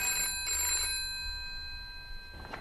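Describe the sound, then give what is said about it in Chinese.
A telephone bell rings in short, insistent bursts, two quick rings followed by a pause and another starting, fairly loud, with no one speaking. “政委，您电话。”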